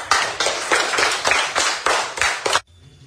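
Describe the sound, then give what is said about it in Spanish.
Loud audience applause in a steady rhythmic beat, about eight strong pulses over two and a half seconds, then it stops abruptly into near silence. “¡Aplausos para ustedes!”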